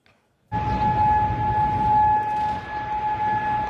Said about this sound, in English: The claim comes as sirens were heard across Kuwait.